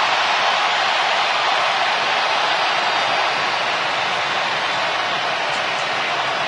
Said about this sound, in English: Just hearing the crowd in an absolute frenzy for him taking the pitch. Wasn't him scoring yet, which we'll get to here in a second, but just his mere impact or just his mere presence in the game got folks to go bonkers.